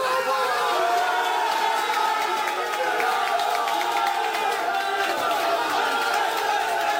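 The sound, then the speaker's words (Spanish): A group of men, club directors including the president of Club de Albania, shouting and cheering together in an excited celebration in the dressing room as prizes are handed out, voices overlapping in a steady, loud roar with no pauses. “Ponle sonido, por favor, para que vean la alegría. Cómo se ponen fogosos los directivos.”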